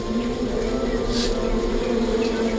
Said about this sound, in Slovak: Pokojne, včeličky. Nezlostite sa, veď som vás prišiel nakrmiť. Trochu vás dymom ofúkam.